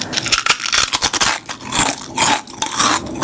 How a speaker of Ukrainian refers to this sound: Новий дизайн, той самий смак, хрумкі чипсини. Лейс, смакуй момент.